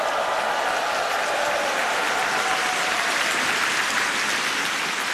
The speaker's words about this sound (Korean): 네, 우리에게 독립의 감격을 일깨워준 극동방송 어린이 합창단 단원들에게 다시 한번 힘찬 박수 보내주시면 좋겠습니다.